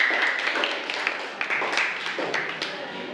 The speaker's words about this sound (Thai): ปรบมือให้กับเพื่อนกลุ่มสุดท้ายของเราค่ะ